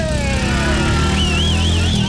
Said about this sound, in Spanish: Así suena la Viva 150 FI ABS, que puede ser su motocicleta. Nuevecita de marca Suzuki.